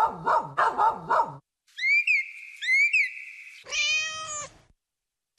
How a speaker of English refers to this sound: You were trapped in the house and we negotiated barking dogs and excitable cats.